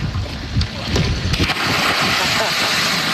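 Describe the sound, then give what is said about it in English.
A person belly-flops into murky river water with a heavy splash, followed by steady churning and rushing water, outdoors amid wind noise and faint, indistinct voices. “but he kind of belly flopped, I think, because he really did not want to dive into the murky water, which I respect.”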